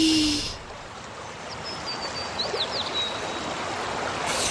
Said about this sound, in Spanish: Doña Lucía va hasta el río. Se agacha para beber y...